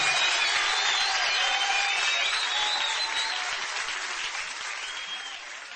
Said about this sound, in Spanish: Dale un fuerte aplauso en esta hora.